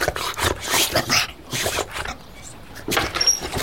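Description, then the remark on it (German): A dog whimpers in a few short, high, breathy whines and snuffles spread across a few seconds, with no one speaking. “Ja, lieber Hund. Ja, fein.”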